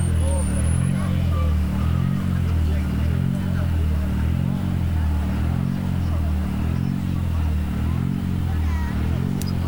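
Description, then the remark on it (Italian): A loud, steady engine roar with a rhythmic throbbing pulse from rally cars passing on a special stage in the Dosso area, continuing through the whole stretch with faint crowd murmur in the background. “E qui la zona del Dosso, vediamo se riusciamo a cogliere anche il suono di qualche motore.”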